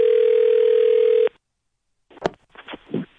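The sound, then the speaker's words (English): A steady electronic telephone ring tone over a phone line hums for just over a second, then cuts off abruptly; after a pause, a few brief muffled bursts follow as the line is picked up. It is a prank call to the customer service line of a major department store. “It's our phone prank.”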